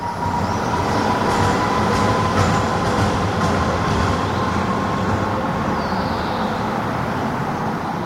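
A tram in Halle, Germany, rumbles loudly along its rails, with a sustained metallic wheel squeal whining over the steady rolling noise as it rounds a curve.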